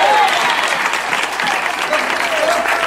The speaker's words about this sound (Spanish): Alabe a Dios si puede. Denle fuerte aplauso al Cristo de la gloria. A su nombre.